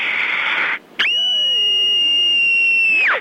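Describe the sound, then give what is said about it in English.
A single shrill, piercing scream held at a steady high pitch for about two seconds before trailing off, preceded by a brief rush of hissy noise and a short silence. “years old, and here's my scream.”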